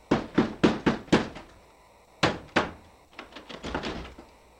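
Firm knocking on a door, loud: five quick raps, a short pause, two heavier blows, then a softer, hurried flurry of knocks. No voices are heard.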